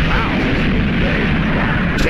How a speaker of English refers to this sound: That sounds a little bit like Bugs Bunny, some of those gunshots.